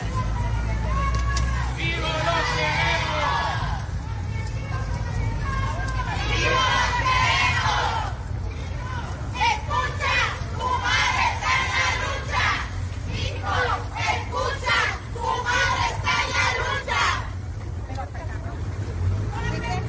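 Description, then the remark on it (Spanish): A large crowd at a peaceful protest march through the streets of Culiacán shouts rhythmic chants in unison, mothers demanding justice; bursts of massed voices rising and falling over a steady low rumble of outdoor noise, loud throughout. “Esto se escuchaba en la manifestación del día de ayer.”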